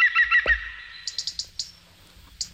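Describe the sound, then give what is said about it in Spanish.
An Iberian green woodpecker calls, a quick series of sharp, ringing notes delivered in short bursts, clear, with no one talking over it. “Este es el pito ibérico, que se llama ahora.”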